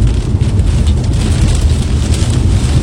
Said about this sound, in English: And he shared video of a tornado that he was tracking south of Oxbow. Oxbow, a little more than 2.5 hours, maybe give or take, southeast of us here in Regina. And you can hear the pounding rain off his windshield.